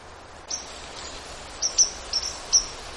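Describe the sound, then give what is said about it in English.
Several short, high, metallic 'pink' call notes from a white-throated sparrow, spaced irregularly over a steady outdoor hiss, clearly audible, recorded outdoors near Lake Superior. “The sounds that you're hearing, little pink, pink, pink, most of that is white-throated sparrow.”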